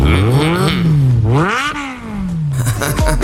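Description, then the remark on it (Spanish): A motorcycle engine revs up and down, its pitch rising and falling in loud, rough sweeps that fill the whole stretch. “Mira, mira cómo suena la moto.”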